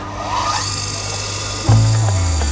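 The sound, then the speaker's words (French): A steady mechanical grinding whir from a chainsaw-chain sharpening machine in a workshop truck, jumping louder and heavier about two-thirds through as the grinder bites, with no voices. “Alors, tu vois, là tu as une machine pour faire les chaînes de tronçonneuses.”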